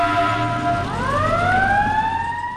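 A fire truck siren, switched on by the driver as a call comes in, starts its wail, the tone sweeping steadily upward in pitch and holding loud, with a low rumble of traffic beneath and no voices.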